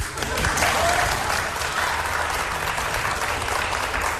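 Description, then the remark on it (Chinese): A crowd at a xiangsheng (crosstalk comedy) show claps steadily for about four seconds as a comic duo takes the stage, a dense, even wash of many hands that holds at a fairly loud level without swelling or fading. No voices stand out. “谢谢您的掌声鼓励。”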